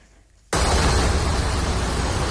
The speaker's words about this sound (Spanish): Durante la tarde, los bomberos de Cataluña han atendido a más de 200 incidencias por estas lluvias que están escuchando.